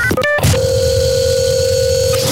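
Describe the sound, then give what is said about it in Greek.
A telephone ringing, heard as a loud, steady electronic tone held for nearly two seconds, preceded by a few short beeps. No one speaks. “Περιμένω τώρα ένα δικό τηλεφώνημα. Κάτι ακούω και χτυπάει.”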